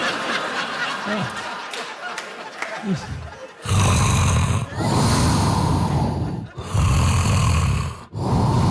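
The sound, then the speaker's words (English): Loud, harsh snoring of a person recording themselves asleep at night: after a few quieter snorting breaths, four long raspy snores follow one after another, each separated by only a brief catch of silence. “It's rhythmic, it's soothing, also suspenseful, right? Because about every 90 minutes or so, I'm just gonna stop breathing for a couple of minutes.”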